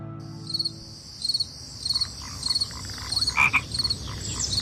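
Frogs croak in a steady chorus while insects chirp in regular high-pitched bursts, about one pulse every two-thirds of a second, over a constant low hum of night ambience, with no voices. Recorded for the Lixia solar term, the start of summer in China.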